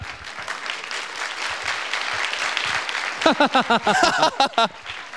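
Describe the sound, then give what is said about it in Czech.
A crowd claps in a dense, steady patter of applause; about three seconds in, voices rise over it in short bursts of cheering or calling while the clapping continues. “Uložit jako potlesk světu, číslo 1.”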